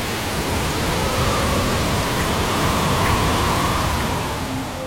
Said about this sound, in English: It's here. The howling wind. The driving rain. The storm surge along the coast.